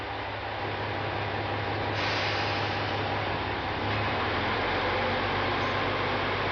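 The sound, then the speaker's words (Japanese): The engine of a two-car Kumagawa Railway diesel train drones steadily at Hitoyoshi Onsen Station as the first train after full-line restoration departs: a loud, continuous low rumble under broad mechanical hiss that swells slightly as the engine works harder. No one speaks. “エンジンを響かせながら、今全線復旧の告げる一番列車、人吉温泉駅を今2両編成出発していきました。”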